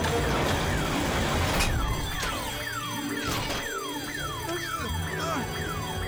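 An alarm blares continuously, its tone sweeping downward in quick repeating cycles, loud over a steady background of noise. Sharp percussive hits punctuate the wailing.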